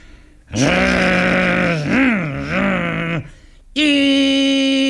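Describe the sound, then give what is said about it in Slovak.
Voices imitate a bus in a game of make-believe, a loud, sustained droning hum that dips and wobbles in pitch, breaks off briefly, then returns as a steady, held tone. “Urobte akože autobus.”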